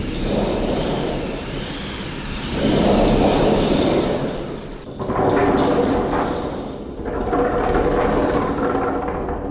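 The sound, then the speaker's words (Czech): A hand-cranked theatre rain machine at a sound-effects exhibition, a cylinder filled with granular material, makes a steady hiss of tumbling grains, swelling and easing in slow waves as the drum turns. No one speaks. “Tak nejenom rozeznívání plechu, ale k tomu jsou to válce naplněné sypkým materiálem a otáčením kliky dochází přesýpání. Můžete ovlivňovat rychlosti točení, tu intenzitu a je z toho déšť”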